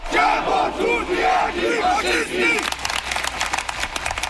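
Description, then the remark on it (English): Thousands of protesters against the far-right AfD party, blocking roads to its leadership convention in Erfurt, Germany, chant loudly in unison for a couple of seconds, then the voices break into scattered cheering and rapid clapping that continues to the end. “Thousands of people turned out to protest against the far-right Alternative for Germany party, known as the AfD.”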